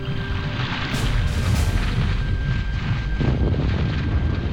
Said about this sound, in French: Les explosions continuent, de plus en plus violentes. Le bruit est assourdissant, impossible de se parler.